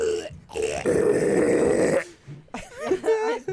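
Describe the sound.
A voice imitates pig squeals with the tongue put to the side of the mouth: a loud, raspy, grunting squeal for about a second, then a pause and a burst of wavering, high-pitched squeaky sounds.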